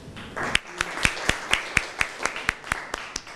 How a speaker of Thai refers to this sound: เชิญค่ะปรบมือให้เพื่อนหน่อยค่ะ